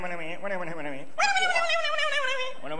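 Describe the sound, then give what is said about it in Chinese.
A man's voice imitates a neighbor's dog barking at him, first a run of wavering, throaty yaps, then a long, loud, high-pitched whining bark held for over a second. “啊，不，你别跟狗掐呀。”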